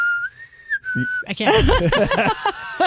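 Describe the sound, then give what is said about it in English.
A person whistles a short tune, holding a clear, steady high note that bends slightly before a brief break, then a voice carries the melody on in a louder, sung or hummed phrase. “Is that the... Where she whistles, she goes...”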